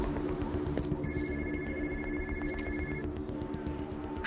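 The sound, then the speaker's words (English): A phone left under a truck rings with a steady electronic tone lasting about two seconds, half-buried beneath a constant low rumble like an idling engine, with no one speaking. “She ditched the phone under the truck.”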